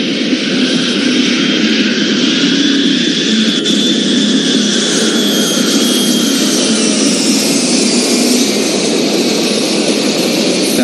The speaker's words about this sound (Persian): به سرعت موتور دوم و به دنبال آن موتور سوم و چهارم روشن شد. هواپیما به سرعت روی باند حرکت کرد و چرخی زد و هنوز به انتهای باند نرسیده کاملا غیرعادی از زمین کنده شد.